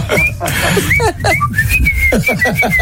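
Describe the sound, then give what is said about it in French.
A father whistles a well-known tune in the morning in front of the bedroom, a string of clear sustained notes rising and falling at a steady pace, fairly loud, over a low rumbling background. “Mon père, il siffle devant notre chambre le matin, mais des airs connus.”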